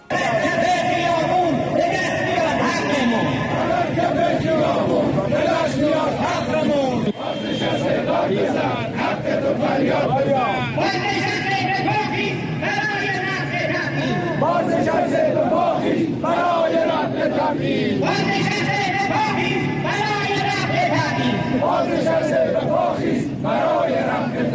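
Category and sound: crowd, protest crowd shouting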